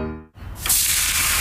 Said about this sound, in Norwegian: Hør du det, Heidi? Det er lyden av en grill. Perfekt Big Beefy Burger.